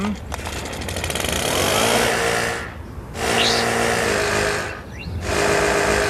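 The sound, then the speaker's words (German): A leaf blower, played as the SR1 radio station's leaf-blower quiz sound, roars in long, loud bursts of rushing air over a droning engine hum, dropping out briefly twice in a loose rhythm before surging back. “Unser SR1 Laubbläser-Hit nochmal.”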